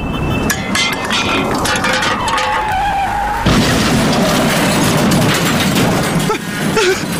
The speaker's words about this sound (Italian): Ora calcerò questa lattina e farò fare un incidente!